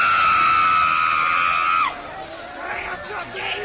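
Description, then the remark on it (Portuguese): A crowd lets out a loud, sustained shout during an exorcism prayer for about two seconds, then it breaks off into quieter, scattered voices and general murmur that swell slightly again toward the end. “Vai expulsando, grita para Jesus queimar.”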